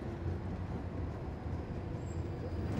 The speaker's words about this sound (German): In dieser Straßenbahn ist vielleicht vor 100 Jahren auch schon Luisas Urgroßvater mitgefahren.